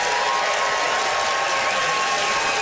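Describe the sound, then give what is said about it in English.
An audience applauds steadily, voting by applause for a contestant on stage: a dense, continuous crackle of many hands clapping at a fairly loud, even level throughout, with no voices heard. “By applause, who thinks that a win for Chad would be right on the money and richly deserved, Chad Anderson.”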